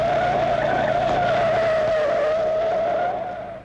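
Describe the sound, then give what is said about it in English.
A loud, sustained tire screech as a car, driving flat out close behind another car, brakes hard and skids, the squeal holding steady for several seconds before fading out abruptly. No one speaks. “Two cars flat out, following close together. It would make him think. We're just about there. We're too close. Brake hard.”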